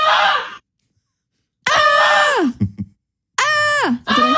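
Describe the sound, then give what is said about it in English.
A barn animal named Goosey lets out three loud, harsh, human-like screams, each held strongly before sliding down in pitch, separated by brief silences, with no talking. “It's like that bleeding goat.”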